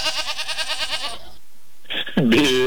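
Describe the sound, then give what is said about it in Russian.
A goat bleats twice: first a long, quavering, tremulous cry, then after a brief pause a sharper, louder bleat. No one speaks. “День козьего сыра отмечается 25 июня. Послушай и попробуй повторить.”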